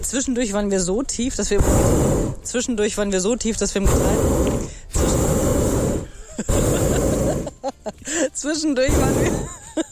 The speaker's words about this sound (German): Aber wir haben so ein bisschen unterschätzt, dass eben diese Gasflamme unterm Ballon auch immer voll in die Sendung reinballert.